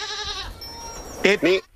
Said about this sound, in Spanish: Claro, si no es una oveja, es una cabra. La cabra. Se parece mucho, ¿eh? Pero es una cabra, además, con denominación de origen.